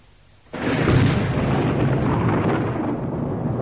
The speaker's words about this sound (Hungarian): Villámlik. Menj, dörög. Éppen, mint lelkemben.